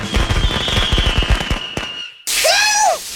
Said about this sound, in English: Guerrilla Fireworks is just a quick drive away in Charlestown, West Virginia. Let Guerrilla Fireworks light up the sky on your 4th of July.